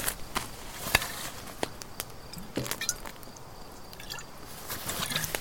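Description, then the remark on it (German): Wet, squishy swallowing sounds as someone takes a big gulp of liquid from a half-empty bottle, with irregular soft clicks and gurgles spread across several seconds and a louder burst at the end, no one talking. “Hier, Kleine, nimm einen kräftigen Schluck.”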